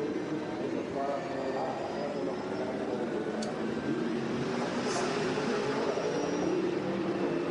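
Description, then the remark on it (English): A racing car engine runs steadily at low, restrained revs, a continuous droning rumble with faint tonal whine and no sharp revving, as the driver nurses the car home, saving fuel by not using full revs. “Well, he's certainly not going on full revs, is he?”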